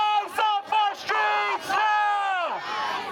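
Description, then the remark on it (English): A crowd of demonstrators in a New York street, protesting a violent arrest and shooting by Immigration and Customs Enforcement agents, shouts together in loud, rhythmic bursts, voices rising in sustained chant-like cries broken by short pauses, ending on a long falling yell. “Demonstrators took to the street in the hours afterwards to protest the violent arrest.”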